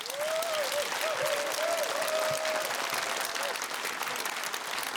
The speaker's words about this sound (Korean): 네, 오늘 만나볼 국악 신동을 큰 박수로 맞이해 주시죠.